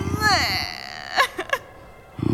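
A short, wavering whimpering cry with a falling pitch rises up, followed by a few brief, sharp clicks and a quiet pause.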